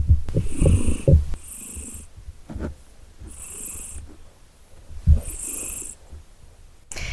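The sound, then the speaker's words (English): Debo, a domestic cat, purrs in a steady, rumbling rhythm, each breath cycle swelling and fading with soft raspy highs over about seven seconds, with no talking. “Debo's back in with me at the moment. Debo the cat.”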